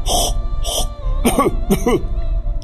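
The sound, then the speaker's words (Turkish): A person clears their throat and coughs several times in quick succession, four short harsh bursts, with no talking in between. “Boğazına bir efendim bir boğazını temizlersin çünkü birazdan kıraat yapacaksın veya tekbir getireceksin.”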